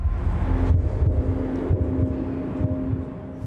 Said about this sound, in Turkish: Oyuncular sahaya çıkmaya hazır olduğunda kalp atışı efekti kullanıyoruz. Bu şekilde tansiyon artıyor ve taraftarlar da oyuncuların sahaya çıkmaya hazır olduğunu anlıyor.